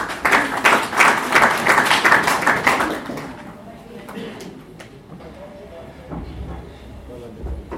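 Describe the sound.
An audience bursts into loud, dense clapping for about three seconds, then it thins to a few scattered claps over a low murmur of voices.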